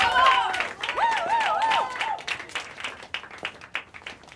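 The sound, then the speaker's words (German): An audience bursts into loud, dense applause for the next act being introduced on stage, with rapid overlapping claps, joined early on by high whooping cheers that fade while the clapping thins out toward the end. “Macht mal richtig Lärm für die nächste, bitte sehr. Fangt an zu klatschen.”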